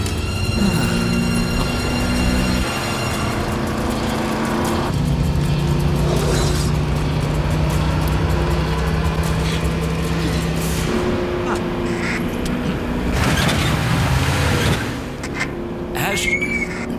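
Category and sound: vehicle, car driving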